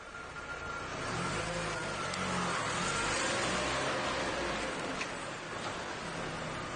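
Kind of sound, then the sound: vehicle, car engine running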